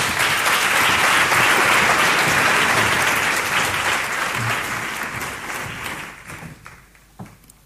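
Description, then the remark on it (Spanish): Loud, sustained audience applause from a sizable crowd at the Radio Granada 2026 awards, greeting jury spokesman Javier de Teresa, president of the city's Social Council; dense clapping that gradually thins out and fades, with a few scattered final claps at the end. “Fuerte aplauso.”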